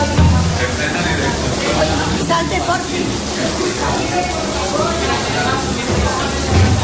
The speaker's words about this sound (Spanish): De esta forma evacuaba a las aulas el personal de la Escuela Infantil Municipal Las Mercedes en San Blas Canillejas, mientras el agua caía por las paredes y todo se inundaba poco a poco.